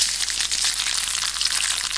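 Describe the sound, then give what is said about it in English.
Worms chewing through polystyrene make a steady, dense crackle of tiny, bright snaps, like cereal popping in milk, continuing evenly throughout with no voices. “They did like it. You can actually hear them devouring it.”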